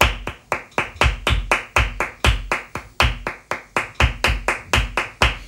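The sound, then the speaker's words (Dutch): Flamenco bulerías hand clapping in a 12-count rhythm: a brisk, steady run of about twenty sharp claps, some accented louder and fuller than others, forming a driving rhythmic pattern with no one speaking. “Ja, en dat is Bulerias.”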